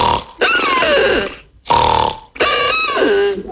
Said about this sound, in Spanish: Ronquido número 2.